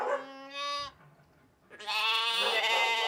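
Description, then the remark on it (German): Bottle-fed lambs waiting for their milk bleat in two loud, drawn-out calls separated by a short pause, the second cry longer and more strained, with no talking. “Und dann sind da ja noch die Buddellämmer, die auf die Milch warten.”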